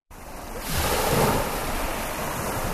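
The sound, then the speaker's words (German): Surf rolls in at the Tibidabo Beach, a tended beach club in Italy with five rows of umbrellas and sun loungers by a deep-blue sea; a broad steady wash of waves swells louder after a quiet start and keeps roaring, with no voices. “Tiefblaues Meer und dann fünf Reihen mit Schirmen und Liegestühlen in Reih und Glied, fein säuberlich ausgerichtet.”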